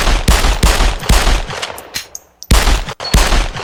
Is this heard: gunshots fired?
yes